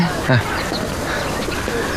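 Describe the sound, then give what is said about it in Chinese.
A single brief, low pigeon coo rises near the start, then fades into a steady, noisy outdoor background with no further calls. “咱们可说好了 啊，这个鸽子要给我弄好的。”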